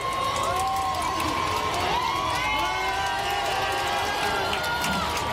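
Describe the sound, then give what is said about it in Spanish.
A large crowd shouts and cheers nonstop for the Pope as he comes down to bless babies, many voices overlapping in a loud, dense roar, with some higher calls rising above the mass of sound. “Esos gritos interrumpidos por el propio Papa, que se ha bajado se han acercado a él para bendecir a algunos de los bebés.”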